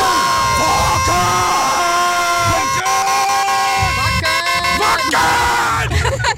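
A loud crowd at the Wacken festival chants "Wacken" in a steady, repeating two-beat rhythm, roughly every second and a half, with blaring horn-like tones and cheering mixed in, used as an alarm clock sound, the "Wackenwecker".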